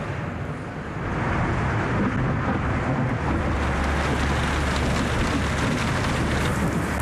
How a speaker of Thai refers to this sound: การทำงานในวันนี้ไม่ราบรื่นฝนตกหนักจนคนงานต้องหยุดทำงาน เพราะฝนตกบนคานล้วนทาสีไว้ครับมันจะลื่นถูกไหมครับดังนั้นเราต้องหยุดการขนย้ายก่อน